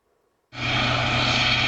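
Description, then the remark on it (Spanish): After a brief quiet moment, a loud, steady aircraft engine roar with a low rotor-like thrum abruptly fills the sound as a Guardia Civil helicopter passes overhead at night in El Rompido, Huelva, Spain, following 2 boats linked to drug trafficking. “Un helicóptero de la Guardia Civil seguía 2 embarcaciones relacionadas con el narcotráfico.”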